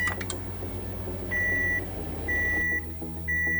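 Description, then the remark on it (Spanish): A microwave oven beeps three times in a steady rhythm, each tone a clear, high-pitched half-second note. A few quick clicks come first, and there is no talking. “El horno de microondas es uno de los electrodomésticos más populares de la era moderna, ya que ha revolucionado la forma en que cocinamos y calentamos los alimentos.”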